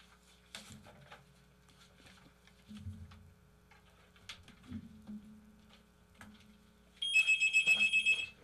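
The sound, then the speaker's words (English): A telephone rings with a loud, high electronic trill of rapid pulses near the end, after several seconds of quiet clattering and handling noises. No one speaks. “The phone rang.”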